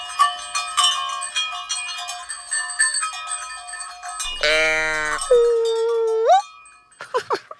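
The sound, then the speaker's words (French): Several cow bells clang together among a herd of cows, then a single loud, drawn-out moo rings out, a voice imitating a cow, sliding into a higher held note that rises at the end, followed by faint clatter. “tu fais la vache? Tu t'es caché au milieu du troupeau de vaches?”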